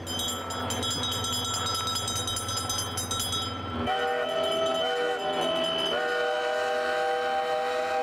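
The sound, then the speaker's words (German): A ship's Typhon air horn sounds a long, loud blast of rich, brassy tones as a signal when a ship dips into the water in the harbour, shifting partway through into a higher chord that briefly sags in pitch before steadying. No voices are heard. “Wenn das Schiff eintaucht ins Wasser, dann geben wir Signal mit unserem Typhoon.”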